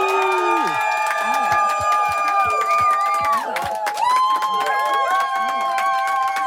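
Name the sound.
audience cheering and clapping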